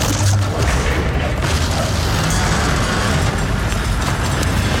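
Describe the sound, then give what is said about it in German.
A loud crashing boom as a huge tentacle breaks through a wall, its deep rumble and broken debris noise running unbroken for several seconds with no voices. “Ein gewaltiger Tentakel brach durch die Wand hinter ihnen.”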